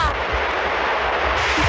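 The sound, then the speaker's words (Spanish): Water of the Trevi Fountain in Rome, in a scene from the film La Dolce Vita where Anita Ekberg bathes in it, rushes and splashes in a steady, unbroken hiss, holding the same loudness from start to finish with no voices over it. “Esto que escuchamos es el agua de la Fontana de Trevi, donde Anita Ekberg se está bañando, cosa que ahora le acarrearía una multa.”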